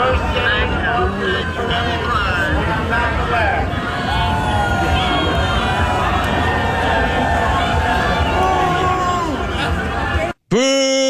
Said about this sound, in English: Chuck Schumer getting booed at the Pride Parade. That's wild.